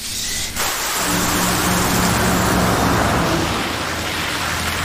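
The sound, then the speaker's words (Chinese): Steady hiss of rain and tire spray fills the scene, with a low engine rumble underneath as a car drives along a wet road. It is continuous and fairly loud, and no one speaks. “师傅，这下雨天，您还是慢点吧。”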